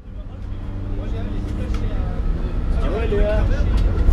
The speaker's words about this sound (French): Nous sommes dans le bus, nous sommes partis du lycée Brioux de Bonnefond pour aller visiter l'exploitation d'un paysan meunier boulanger à Vieille-Brioude.